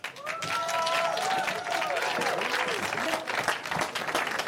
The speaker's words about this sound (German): Einen fetten Applaus dafür, bitte.